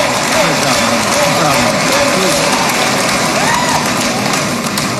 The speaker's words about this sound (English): Listen to this applause. An announcement to make. I don't know what this is. Come on up here, Rick. Listen to the applause for Rick Jackson. Listen to the cheers.